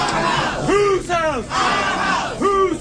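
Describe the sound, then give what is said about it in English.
Protesters opposing proposed new congressional district maps shout in unison in the Louisiana Senate lobby during Friday's Senate Governmental Affairs meeting. Their many voices rise and fall in repeated rhythmic chants that echo through the lobby, loud. “During the meeting, protests in opposition to the proposal took place in the Senate lobby.”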